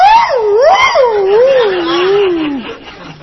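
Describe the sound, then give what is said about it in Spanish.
A person imitates a complaining dog with one long, loud whimper that wavers up and down in pitch before sliding lower and fading out. “2 minutos y el perro ya no aullaba, se quejaba.”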